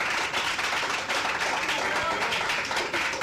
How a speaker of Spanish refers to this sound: ¡Aplausos a nuestro Rey! ¡Gloria a Dios!